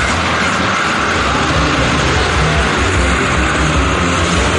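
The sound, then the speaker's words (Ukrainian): A car engine roars loudly and steadily, straining continuously as the car tries to drive up a steep, rain-soaked muddy road and fails to get through, with no clear voices over the dense mechanical noise. “А це друга спроба, просто менше людей. Бачите, не може, не проїхав. Взяв розгін, але, на жаль, не пройшов.”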